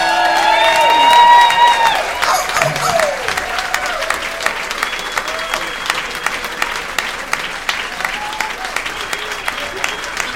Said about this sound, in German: Begrüßet mit einem Wahnsinnsbeifall Heiko Volz und Volker Lang, die Originalstimme vom Äffle und Pferdle.